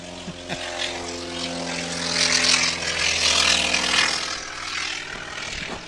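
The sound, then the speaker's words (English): A T-28 propeller-driven plane roars on takeoff at Oshkosh in 2023, heard from the flight line, a steady droning engine with strong harmonic hum that swells louder midway and stays powerful throughout, with no voices. “And right on cue, we have a T-28 taking off.”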